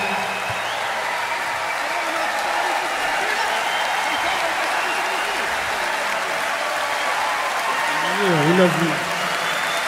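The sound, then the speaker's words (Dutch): A large, enthusiastic concert audience at the Royal Albert Hall in London during the BBC Proms in summer applauds steadily in a dense, unbroken roar of clapping with scattered cheers and whoops, a few shouted voices rising briefly near the end. “Een bijzonder enthousiast publiek vanuit de Royal Albert Hall in Londen tijdens de BBC Proms deze zomer.”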